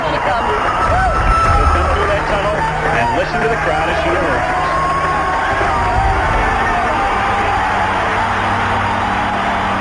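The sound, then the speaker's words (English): A huge stadium crowd of 90,000 people roars continuously, screaming and cheering on their feet in a dense, sustained wall of sound with scattered whoops rising above the din, as American runner Joan Benoit Samuelson enters the stadium after winning the race. “When Joan Benoit Samuelson won that race, the American from Maine, when she came into the stadium, 90,000 people, you know, stood on their feet and screamed and cheered.”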